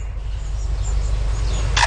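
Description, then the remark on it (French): A lyrebird in Australia mimics a camera shutter: faint, thin chirps over a steady low rumble, then a single sharp, bright mechanical click-burst just before the end. “cet oiseau lire qui imite à la fois un appareil photo et ensuite une alarme de voiture et des tronçonneuses”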